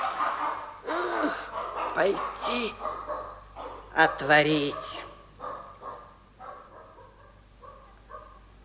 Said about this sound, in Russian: Ее и собака-то за свою не признает. Брешет.